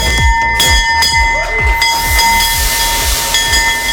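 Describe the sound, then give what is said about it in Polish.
A new opening bell at the Warsaw Stock Exchange in Poland rings loudly and continuously to open the trading session, its clapper striking in a fast, steady rhythm while bright sustained tones hang over a hissy background. No one speaks. “Na giełdzie papierów wartościowych w Warszawie jest nowy dzwon.”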